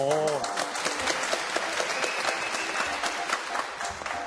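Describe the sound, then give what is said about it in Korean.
Steady applause from a group, a dense crackle of many hands clapping at an even loudness for several seconds, with a brief voice at the very start. “박수를 받을 수 있어서?”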